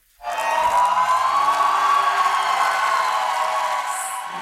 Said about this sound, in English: Crowds cheer for Hungary's new Prime Minister, Peter Magyar. He was sworn in on Saturday morning after winning last month's election, ending Viktor Orban's 16-year rule.